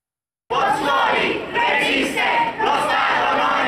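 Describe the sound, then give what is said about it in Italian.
A crowd of protesters from the Campi Flegrei shouts slogans in unison for a special law, spending the evening in the streets of Pozzuoli, west of Naples. The sound is a dense, loud roar of many voices with rhythmic surges and brief dips as the chanting rises and falls. “Hanno trascorso la serata per le strade di Pozzuoli urlando slogan per una legge speciale i manifestanti dei Campi Flegrei.”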